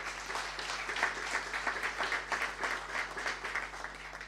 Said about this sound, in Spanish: Y todo este trabajo hecho por el equipo del hospital. Así que un fuerte aplauso para él.